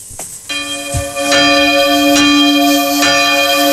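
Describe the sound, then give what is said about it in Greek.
Church bells ring out loudly, struck in a steady rhythm about once a second, each blow layering onto the long, shimmering hum of the previous strokes, with no voices present. “Αυτό δηλαδή του παλιού του νομικού πάλι χτυπάνε καμπάνες για μας.”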